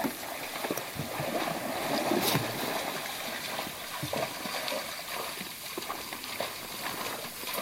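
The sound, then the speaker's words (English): A mother moose with her two calves wades through shallow, grassy water, with irregular sloshing splashes from heavy steps over a steady outdoor hiss. No one speaks. “It's a little bit scary being this close to a mother moose with her two kids.”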